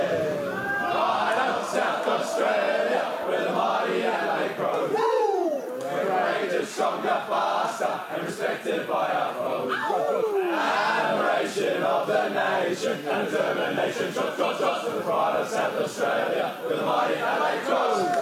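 A packed group of players roars out their team song together in a huddle in a crowded room, loud and ragged, with overlapping shouts and chanted lines running unbroken for the whole stretch.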